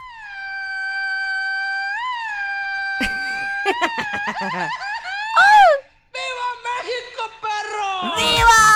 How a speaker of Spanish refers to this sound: De verdad, no hay necesidad, con que se echen un grito a la mexicana, así, miren, así nada más o menos, ¿eh? Así.